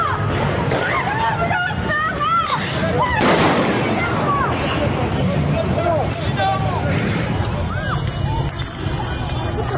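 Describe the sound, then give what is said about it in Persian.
Sharp cracks of gunfire from security forces burst out at irregular intervals over a loud, chaotic crowd, with people shouting and yelling throughout a tense street protest in Bushehr province, Iran. “سنگی بوشهر، تیراندازی نیروهای امنیتی.”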